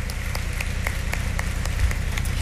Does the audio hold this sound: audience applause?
yes